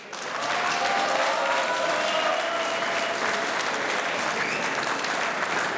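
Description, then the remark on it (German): Steady, enthusiastic applause from an audience as the reigning Strawberry Queen and a strawberry farmer come onto the stage, many hands clapping together at a constant level for several seconds, with no speech over it. “Das ist euer Applaus.”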